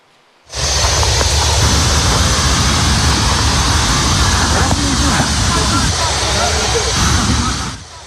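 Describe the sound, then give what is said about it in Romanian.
A huge fire at a paint and thinner warehouse in Sutești, Vâlcea, Romania, holding over 30 tonnes of solvents, resins and pigments, roars steadily in a loud, dense rush of noise, with faint crackles and pops scattered through it, starting abruptly and cutting off near the end. “Incendiu uriaș la o hală de vopseluri și diluanțe din Vâlcea.”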